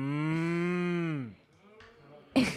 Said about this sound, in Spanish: Mira cuántas vacas hay por aquí.